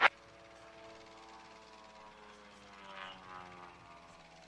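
An aerobatic propeller airplane drones steadily with a buzzy harmonic whine, its engine note swelling briefly as it flies an avalanche maneuver, after a sharp click at the start. No one speaks.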